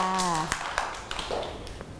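A few scattered, uneven claps from a small group of children ring out close by, following a brief voice at the start, with light room murmur underneath.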